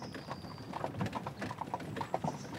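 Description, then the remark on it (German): Horse hooves clip-clop in a steady, even rhythm as a wagon carrying salt is pulled along the old Salt Road toward the trading station in Lübeck, each hoof strike sharp and clear above a low rumbling background. “Anfangs wird das Salz noch mit dem Fuhrwerk auf der alten Salzstraße bis zur Handelsstation nach Lübeck gefahren.”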